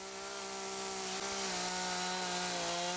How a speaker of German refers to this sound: Sie sägt Skulpturen aus Holz.